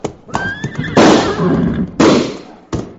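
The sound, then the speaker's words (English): A horse lets out a short, shrill whinny after its flanks are slapped, followed by several loud, sharp bursts of noise that ring out and fade, the last one abrupt and separate. “Ma, Cherokee, slap his horse's flanks, quick!”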